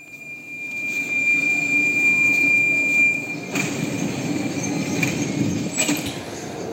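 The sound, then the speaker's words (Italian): A subway train rumbles past, a steady loud roar with a thin high wheel squeal running through it for several seconds, with a brief metallic clatter near the end. “Vado a vedere chi possiamo trovare un pochettino più in là, oltre la metropolitana.”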